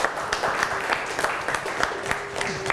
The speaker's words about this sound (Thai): เก่งมากสำหรับ2กลุ่มนี้ปรบมือให้เพื่อนหน่อยค่ะ